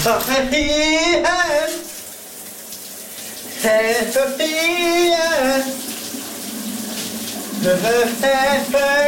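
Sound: shower water running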